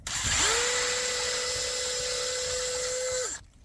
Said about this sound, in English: Drill that hole. And I just drilled a hole in the birch, just go in an inch or so.